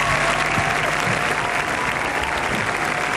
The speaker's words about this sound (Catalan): així que m'agradaria fer un aplaudiment col·lectiu per tota la gent que està involucrada en aquesta feina i en tots aquests títols. Gràcies.